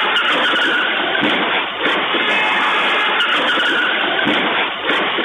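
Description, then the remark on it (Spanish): A red car skids, crashes and overturns in La Aguada, Montevideo, Uruguay, around midday after its driver ignores a yield sign; a loud, harsh rush of tire and road noise runs almost continuously for several seconds, dense, with a few brief dips. “El conductor de un auto no respetó un cartel de ceda al paso y terminó chocando y volcando.”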